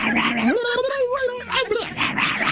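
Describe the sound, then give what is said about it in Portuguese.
A person imitates a frantic, crazed dog, producing a loud, continuous run of wild yelping and howling barks that rise and waver in pitch for a couple of seconds. “eu quero latido de cachorro louco”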